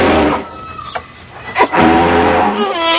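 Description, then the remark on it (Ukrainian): In a forest, an elephant named Nembo crashes through brush, breaking large branches on its way: two sharp, loud cracks stand out against a steady low, tonal rumbling that swells again at the end. “Це слон Нембо ламав на своєму шляху великі гілки.”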